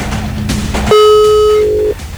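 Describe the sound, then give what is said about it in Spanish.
A single steady telephone ringback tone, about one second long, loud and even in pitch, cutting in after a stretch of noisy background hum and stopping abruptly. “Dos tonos más y le colgamos también. Un tono más y la misma historia.”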